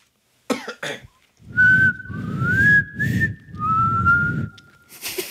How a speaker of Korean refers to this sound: 휘파람 저도 좀 불긴 하는데. 어 잘 보세요. 아, 뭐. 어 한번 해볼게요. 에코 주세요. 에코 주세요.